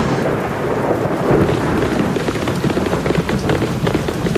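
Heavy rain pours in a dense, steady hiss, with low rumbling thunder rolling underneath throughout. No voices are heard.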